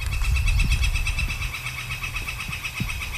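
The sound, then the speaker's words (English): A northern flicker calls in a rapid, steady series of high, piercing notes running throughout, with a low rumbling hum underneath and a few soft knocks. “So that's northern flicker calling there.”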